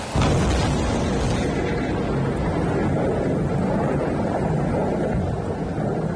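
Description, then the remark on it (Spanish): A loud roll of thunder from a storm over the peñas de Riglos in Aragón breaks in suddenly and keeps rumbling for several seconds, a deep, continuous roar with no voices over it. “Como si fuera una coreografía de la naturaleza, las tormentas han dejado en las últimas horas esa furia particular que tienen contra el fuego de las peñas de Riglos.”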